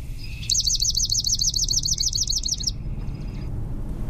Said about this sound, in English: And we're like, which one is that? So here is the swamp sparrow.